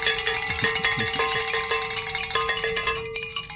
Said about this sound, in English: It's time to ring our bells, gentlemen. Oh, wow. We hit that goal.